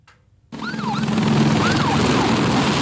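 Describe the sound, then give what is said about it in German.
Emergency vehicle sirens wail loudly after a brief quiet start, their rising and falling tones repeating over a dense, roaring rumble of firefighting aircraft, helicopters and fire engine water pumps at wildfires on the Atlantic coast of France. “Die Sirenen, Motoren von Löschflugzeugen, Helikoptern und den Wasserpumpen der Feuerwehrfahrzeuge.”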